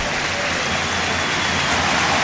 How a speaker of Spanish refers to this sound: Aplauso para el jugador del Gran Canaria que debuta en el partido ahora.